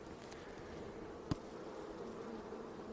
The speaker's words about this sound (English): We'll just make sure that there's no queen on this frame. There's a male bee right here called a drone. There's another one right here walking around. They're a lot bigger than the regular worker bees, and all worker bees are actually female.